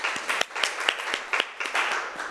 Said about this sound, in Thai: เยี่ยมมากขอเสียงปรบมือให้เก่งหน่อยค่ะ